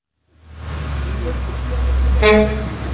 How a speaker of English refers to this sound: It's about 6:30 in the morning. A bus that says Royal Iranian Travel just pulled up, and more than a dozen people just walked out.